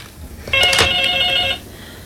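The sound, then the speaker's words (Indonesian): A telephone rings once in a short, bright electronic trill lasting about a second, clear and fairly loud against a quiet background with no one speaking, as a caller phones in to join the broadcast. “Sudah ada juga yang ingin bergabung. Kita sapa dulu ya di ujung telepon.”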